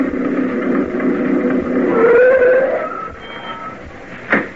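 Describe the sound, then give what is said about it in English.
An old truck engine rumbles as the truck pulls up at a general store, its pitch rising in a strained whine as it revs, then settling down before a single sharp knock near the end. “the Martin family pulled up in Sam's old truck. You could have heard it coming a couple of miles away”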